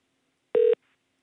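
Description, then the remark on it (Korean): A single short electronic telephone tone, steady and clear, sounding once for about a fifth of a second before the line goes quiet, as the radio show Hwangje Power connects a listener's call. “자, 다음 방댕이 전화 연결해 봅니다.”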